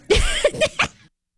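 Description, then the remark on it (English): A quick run of harsh coughs, about four rough bursts packed into a second, fairly loud, then silence. “Make we sure need to get you a cough drop.”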